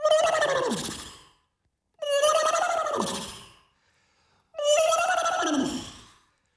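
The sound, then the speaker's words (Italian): A horse whinnies three times in a row, used as an alarm clock sound, each loud, quavering neigh sliding downward and separated by short, even pauses, like a repeating alarm tone with no talking. “Bellissimo questo nitrito, la sveglia col nitrito.”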